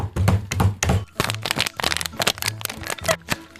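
Dishes being loaded into a dishwasher: a busy run of irregular clinks, knocks and hollow thunks, fairly loud and continuous for a few seconds, with no one talking.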